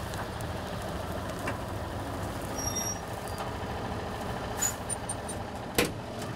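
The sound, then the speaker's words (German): A farm tractor with a trailer arrives during the wheat harvest to take over from the other tractor, so the combine driver can unload wheat onto its trailer. Its diesel engine is a steady, low rumble throughout, with a few brief hissing and clanking bursts near the end. No one speaks. “Aber jetzt muss sie erstmal einen der beiden Trecker fahren.”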